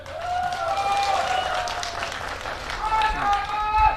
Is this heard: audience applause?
yes